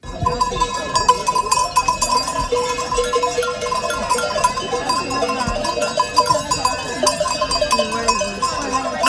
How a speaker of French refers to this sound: On les entend bien en tout cas, hein, les moutons.